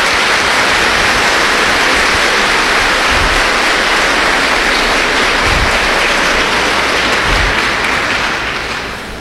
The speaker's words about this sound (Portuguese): Uma salva de palmas.